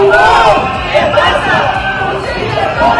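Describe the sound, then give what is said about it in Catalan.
A dense crowd at a teachers' strike demonstration in front of the Generalitat headquarters in Plaça Pompeu Fabra, Girona, fills the air with overlapping voices and chanting, steady and loud throughout, with shouts rising now and then above the collective din. “Ara mateix hi ha manifestació a davant de la seu de la Generalitat a Girona, a la plaça Pompeu Fabra.”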